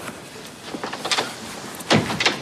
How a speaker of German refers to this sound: Da klopft es und Hamid kommt herein.